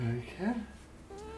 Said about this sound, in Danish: Du skal ikke gå til den der kat, det er en norsk skovkat.